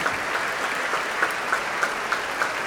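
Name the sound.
audience applauding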